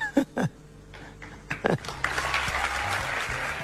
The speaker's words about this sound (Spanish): Aplausos de la tribuna